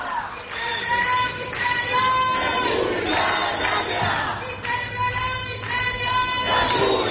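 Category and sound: crowd, protesters shouting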